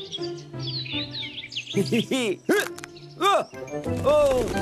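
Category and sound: bird, bird calling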